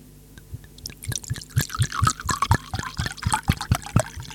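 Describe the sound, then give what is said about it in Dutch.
Drink poured into a glass: a steady run of hollow glugs and splashes, about four seconds long, with a ringing tone that climbs slightly as the glass fills. No voices. “Lijf ingeschonken, mensen.”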